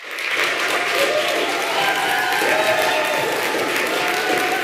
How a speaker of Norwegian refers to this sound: for hun på en menneskerettighetskonferanse I Nürnberg I Tyskland, men der fikk hun stor applaus da nyheten ble kjent.